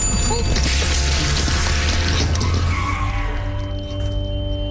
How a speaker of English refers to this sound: but suddenly a driver turns left at the traffic light, crossing over the bike lane. Essentially, I kind of hit his car and went over my bike.